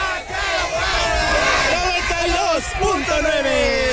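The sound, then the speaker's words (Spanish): A loud crowd in Xochimilco shouts a group war cry in unison, many voices rising and falling together in rough chant-like bursts over a dense, continuous roar of noise. “Eso es todo, y nos despedimos de aquí de Xochimilco con el grito de guerra y se dice, aquí suena.”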